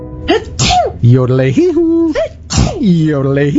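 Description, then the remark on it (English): Two loud sneezes, each a sharp burst of breath followed by a long, wavering voiced cry, the second sneeze coming a couple of seconds after the first. “But your sneezing reminded me Alberta Mountain Air now cleans ducks, and I had to yodel.”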